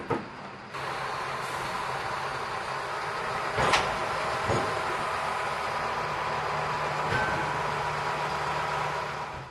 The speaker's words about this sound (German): Im Hafen erwartet uns wieder der Rangiertraktor. Er wird den Zug auf das schwedische Festland und in den Fährbahnhof Trelleborg rangieren.